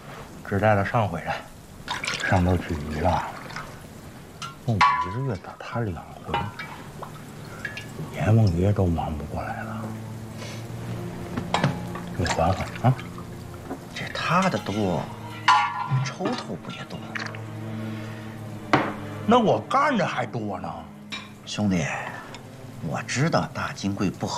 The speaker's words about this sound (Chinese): 这什么鬼天气？下起来没完了。 下雨好啊